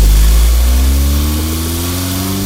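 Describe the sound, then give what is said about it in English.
A car engine rumbles loudly, its low droning hum holding steady at first and then rising gently in pitch as the car, driven by a young driver taking his brother to school, pulls out of the house. No voices. “Pulling out of the house right now.”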